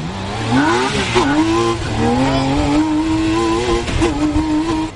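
An open-sided sports car powered by a six-cylinder BMW motorcycle engine roars loudly for the whole stretch as it hurtles down the road, its pitch climbing and shifting as it revs hard at speed, with some faint wind and road noise underneath.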